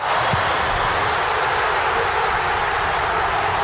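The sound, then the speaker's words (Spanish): Croatian fans in the stand roar after Ante Budimir's goal puts Croatia ahead against Panama, a dense, unbroken wall of cheering that holds steady and loud for the whole few seconds, with no single voice standing out. “Así se escuchaba desde la grada croata.”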